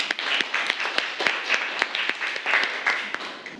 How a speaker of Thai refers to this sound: เรามาดูผลงานชิ้นต่อไปกันต่อเลยนะครับว่าเพื่อนจะเอาสัตว์ชนิดไหนมานำเสนอเราขอเสียงปรบมือให้เพื่อนหน่อยครับ